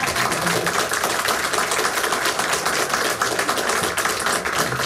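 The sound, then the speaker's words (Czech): Steady applause from the audience at a pre-recorded show at the Ungelt theatre on a summer July afternoon, a dense crackle of many hands clapping at a constant loudness throughout, with no voices over it. “Takže si zatleskejme, ať nám tohle počasí vydrží.”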